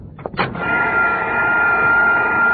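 vacuum cleaner running

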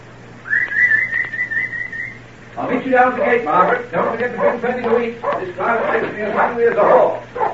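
dogs barking and yipping

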